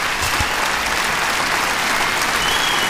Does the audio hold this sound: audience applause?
yes